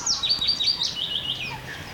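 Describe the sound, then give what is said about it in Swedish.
A chaffinch sings in daylight at the Kvarken World Natural Heritage site in Ostrobothnia, Finland, a quick, bright phrase of repeated high chirps that steps downward in pitch over about a second and a half, then ends. No one speaks. “Ja, men inte ett ljud, ingen det här en bofink sjunger, konstigt nog, fast ja.”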